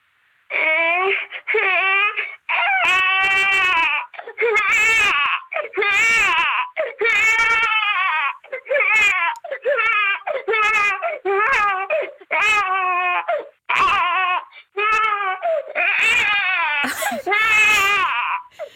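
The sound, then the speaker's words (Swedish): A voice mimics a crying baby: a long run of loud, wavering wails in short repeated bursts, one after another with brief gasping pauses, and no other talk. “Man vill ju bara gå och lyfta upp den där bebisen.”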